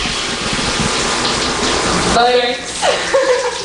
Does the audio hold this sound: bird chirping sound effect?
no